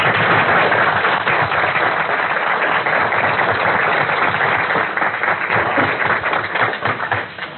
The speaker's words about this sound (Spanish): para quien también pido un grato aplauso.